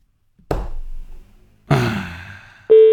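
Two dull thumps, then a loud, steady electronic phone ringing tone as an Italian radio show places a call to a listener, beginning near the end and holding unbroken. No one speaks.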